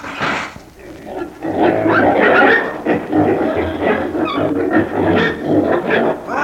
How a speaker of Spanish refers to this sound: ¡Cuánto chancho, bella! Esos chanchos en un tiempo fueron personas comunes y corrientes. Pero como se dedicaron a la malversación de fondos allá en la tierra, los he convertido en chanchos y ahí se estarán para segunda.